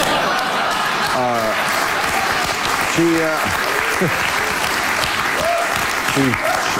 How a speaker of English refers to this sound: So the crowd cheered when he announced she lost?